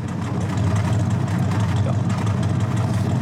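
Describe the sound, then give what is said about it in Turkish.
A pickup truck engine, started with an extra start button added under the steering wheel, idles with a loud, steady low rumble and a faint rattling texture, running evenly for a few seconds with no voices over it. “Direksiyon altındaki düğmeye basıyorsun ve hemen çalışıyor.”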